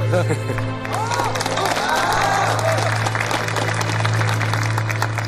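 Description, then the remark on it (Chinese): An audience applauds steadily in congratulation for several seconds, a dense wash of many hands clapping at once, with scattered voices calling out over it and a low constant hum beneath. “让我们再次用最热烈的掌声表示祝贺。”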